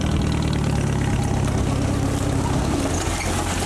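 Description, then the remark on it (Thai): A jeep used to haul areca nuts from an orchard runs steadily at idle, a continuous low rumble with a loud, even throb and no speech over it. “ต้องใช้รถจิ๊บอย่างเดียวที่กับหัวได้ที่แคบๆรถจิ๊บพ่อจะใช้มากไปเอาน้ำยางวันนี้มาขึ้นหมากแล้วก็เอารถจิ๊บมานี่ขนหมาก”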